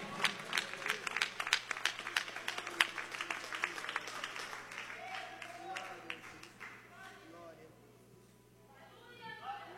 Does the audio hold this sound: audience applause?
yes